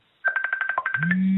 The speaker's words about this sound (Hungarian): Csörög a telefonja? Nem, kinyomtam már. Aha. Valaki olyan... Németország, egy volt tanítványom hívott Németországba.